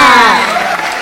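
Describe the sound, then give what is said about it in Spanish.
A loud burst of crowd applause mixed with shouting and cheering voices, dense, filling the brief moment before trailing off slightly. “Y fuerte el aplauso también para los petroleros que nos están escuchando.”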